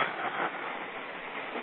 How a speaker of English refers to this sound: I just saw a subway roll past. I think that's probably one of the last ones they're going to run today.